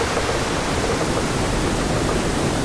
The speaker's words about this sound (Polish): I wówczas w przednich wrotach zostaną otwarte bardziej takie zastawki, które pozwolą na to, żeby woda z jeziora Studzienicznego przepłynęła tutaj do komory śluzy, tak żeby poziom się wyrównał.